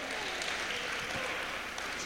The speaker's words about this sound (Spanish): Dele fuerte ese aplauso al Señor esta noche.